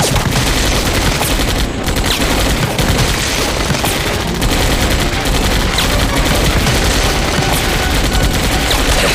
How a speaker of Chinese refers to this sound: 枪声好像远了一些，似乎在走廊上。